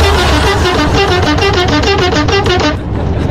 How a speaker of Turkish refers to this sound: Şu anda radarın önünden geçiyorum ve senin için korna basıyorum.